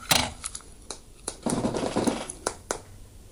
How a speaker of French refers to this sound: C'est une toute petite boîte en plastique, avec une poignée de terre, mais qui en fait a beaucoup de petits fragments de feuilles, de brindilles, des minuscules cailloux qu'on peut entendre.